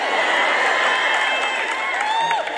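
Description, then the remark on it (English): A large crowd cheers and claps without a break, many voices whooping and shouting over a steady wash of applause, loud and sustained for a few seconds. “Did you hear them clapping and cheering?”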